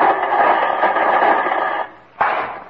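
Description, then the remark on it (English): Loud, hissing radio static from a radio being tuned fills the air with a steady crackling wash, briefly dropping away as the dial shifts before surging back abruptly. A dud tube spoils the reception. No voices are heard. “Well, that's as nice a static concert as I've ever heard, Jimmy.”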